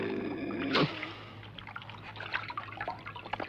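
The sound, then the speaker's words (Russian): Watery squelch as a monkey wrings out a soaked towel it has washed in a water-filled bathtub, a stream of water pouring off it, then scattered drips and trickles continuing at a quiet level. “Выжимает.”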